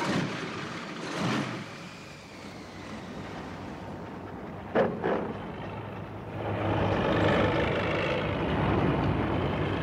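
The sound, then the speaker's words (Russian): A heavy all-terrain vehicle engine, started in the cold, coughs with a couple of short bursts, then catches and settles into a loud, steady rumbling idle, over a constant background hiss. “Хороший вездеход.”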